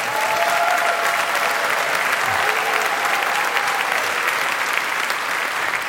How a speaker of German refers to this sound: Ich möchte, dass Sie vielleicht mal einen ganz großen Applaus machen. Ich nenne das immer eine Euphoriewelle der Oberhausener Emotionen